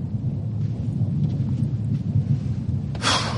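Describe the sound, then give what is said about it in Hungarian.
Steady rain pours down under a continuous low rumble of thunder, with a sudden brighter hiss of heavier rain near the end; no voices. “Álljunk be ide erre a tornácra. What? A tornácra? Ide! Itt nem esik az eső.”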